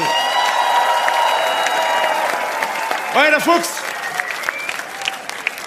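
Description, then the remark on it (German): Sustained applause and cheering from a large audience, steady and loud, with a voice calling out briefly over the clapping midway through. “Einen riesen Applaus nochmal.”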